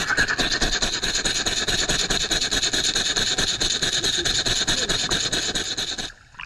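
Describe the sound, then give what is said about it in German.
A rattle shaken steadily by hand underwater, picked up by a microphone under the water, making a fast, loud, rhythmic rasping swish, almost like rapid panting, that continues for about six seconds before cutting off abruptly. No voices. “Jetzt denkt ihr vielleicht, ich hätte da so einen hechelnden Hund mit mir unter Wasser gehabt. Es ist eine Rassel.”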